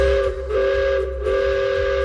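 A steam train's whistle blows long and loud in the Achertal valley in the Black Forest, Germany, a sustained harmonic tone held across the whole stretch with a brief dip midway, over a low rumbling engine background.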